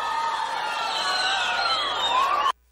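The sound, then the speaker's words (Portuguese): A large crowd in Brazil cheers and applauds loudly for a performing artist, with shrill whoops and overlapping voices rising above steady clapping, then the sound cuts off abruptly after a couple of seconds. “Uma salva de palmas ao artista mais carismático do Brasil.”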